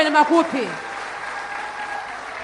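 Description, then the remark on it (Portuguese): A voice briefly ends, then a crowd breaks into steady applause for a Tufo cultural dance group and a singer, a dense, even wash of clapping that holds at moderate volume to the end. “Quero pedir uma grande salva de palmas para elas.”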